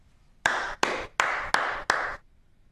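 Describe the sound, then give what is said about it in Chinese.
Five crisp hand claps in a steady, slightly slow rhythm, each one sharp and bright with a brief ringing tail, then silence. No one speaks. “哎，我可不是为你们离婚的事儿鼓掌，我是为你刚才对性格不合的分析鼓掌，确实见解独到，不过一般人可听不懂。”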